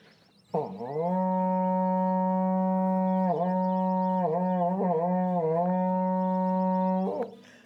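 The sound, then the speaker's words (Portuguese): A berrante cattle horn blown at Chácara Primavera in Bebedouro, São Paulo, in one long, loud, steady note lasting several seconds, scooping up at the start and wavering in pitch a few times before cutting off. “Toca o berrante aí para nós aqui na chácara.”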